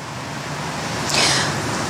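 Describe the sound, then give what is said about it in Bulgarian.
Steady city street traffic rumbles at a bus stop for many tourist-filled buses in the centre of Varna, Bulgaria, near the archaeological museum, a dense wash of road noise with a brief hiss rising midway, like a passing vehicle or air brakes. No one speaks. “Здравейте, ние се намираме точно в центъра на Варна, близо до археологическия музей. Тук е спирка за много автобуси, които са пълни с туристи, на които им предстоят обиколки на целия град.”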